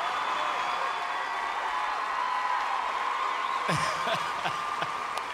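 A crowd applauds steadily throughout, a dense, even wash of clapping that holds its level, with a few sharper cheers or whoops breaking through near the end.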